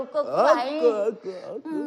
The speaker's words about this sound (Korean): 이제 갓난 것이 지쳐서 울음소리도 시원찮네.